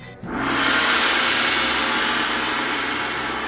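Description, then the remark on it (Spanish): A gong is struck once, releasing a loud, shimmering wash of sound with a low hum underneath that rings on and fades only slightly over a few seconds. “No, del plato, del gong. El gong. A ver cómo suena.”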